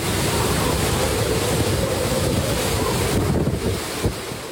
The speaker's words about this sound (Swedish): Stormen slår mot kusten på den japanska ön Okinawa med 12 meter höga vågor. Vinden piskar och nästan välter träden i videon från nyhetsbyrån Reuters.